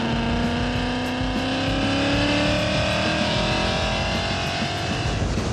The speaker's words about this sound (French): Récapitulatif, on est dans une Mustang d'origine, on a un V8 5 litres d'origine Ford, moteur de la Mustang, on a 421 chevaux d'origine, sauf que on a rajouté un petit compresseur sympathique, et là on tient à peu près 600 chevaux dans ces eaux-là.